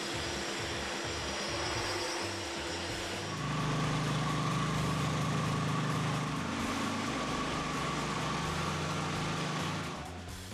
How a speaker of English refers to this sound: Now, for the tight corners and around the edges, they're using this handheld grinder that's hooked up to a HEPA vacuum.